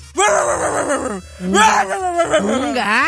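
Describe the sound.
A person vocally imitates a cat that was heard barking while walking along a wall: three drawn-out, voiced yowls with bending pitch, loud and strained, like a cat that seems to bark.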